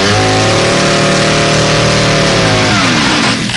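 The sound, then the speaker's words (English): The engine of an AMC Pacer small car revs loudly, holding a steady buzzing drone before the pitch swoops and shifts near the end. No one speaks. “The conventional small car.”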